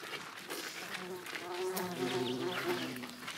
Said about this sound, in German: Ihr seht, überall sind Hummeln und Bienen unterwegs. Hier ist richtig Leben im Garten, ne? So muss das sein, genau.